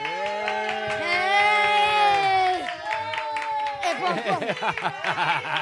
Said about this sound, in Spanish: Mira qué ovación te acaban de meter